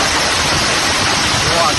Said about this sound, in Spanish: Es, por ejemplo, el sonido ayer en Tarragona, donde cayó pedrisco de hasta 5 centímetros.